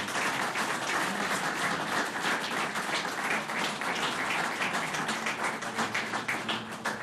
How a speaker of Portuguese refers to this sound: Uma salva de palmas para o Raul Alberto Pavão Ferreira.